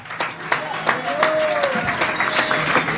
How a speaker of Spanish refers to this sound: Así que agradecemos este tiempo y dele fuerte palmas al Señor.